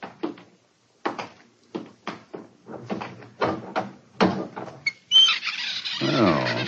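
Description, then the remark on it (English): A string of hollow wooden knocks and clunks, then a loud, drawn-out creaking squeal as a crude door of new wood in a corner swings open, with no talking. “See that new wood forming a crude door in the corner over there?”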